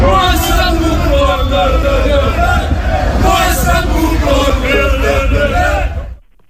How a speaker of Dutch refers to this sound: NEC nam het vanavond in de Champions League op tegen Olympiakos Piraeus. Hoor even het publiek. We zitten dus in Griekenland en die Grieken die zijn niet blij.